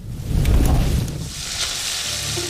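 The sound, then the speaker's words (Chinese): An oyster omelette, the classic Minnan snack from Houcheng Baoge Oyster Omelette in Quanzhou, sizzles and crackles in hot oil, a steady hiss with a low rumbling underneath at first, no voices. “后城豹哥海蛎煎，泉州人心中古早味的代表作。”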